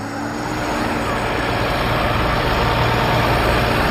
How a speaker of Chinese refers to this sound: 人群里，坚达村43岁的村支书开尊，忙着组织农机合作社的年轻人们，开着拖拉机到地里。